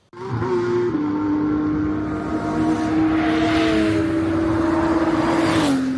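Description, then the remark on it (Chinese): Loud, sustained engine roar from GT race cars at the 2025 GT World Challenge Asia season finale by Tongming Lake in Yizhuang, Beijing, on 19 October 2025, a steady high-revving drone that shifts pitch slightly as it holds, filling the whole recording with no voices. “2025年10月19日，北京亦庄通明湖畔引擎轰鸣。”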